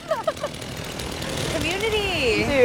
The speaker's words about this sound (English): Then a man in sandals stepped out of a truck with a chainsaw and started bucking a tree.